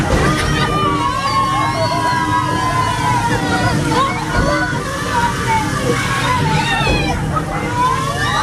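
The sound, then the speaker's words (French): Steady sloshing and splashing water fills the scene as an amusement park boat ride moves along a small river with water cannons. A crowd's excited voices and shouts rise over the wash throughout. “C'est pas simplement un tour, là c'est simplement un bateau qui avance dans une petite rivière, mais ajouter à ça des canons à eau, et on passe un super moment qui est au-delà de simplement la balade au milieu d'un joli décor.”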